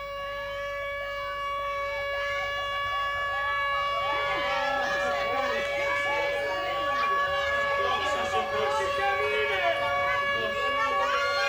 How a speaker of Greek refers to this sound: ο συναγερμός τέλειωσε.